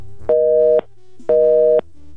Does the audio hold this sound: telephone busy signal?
yes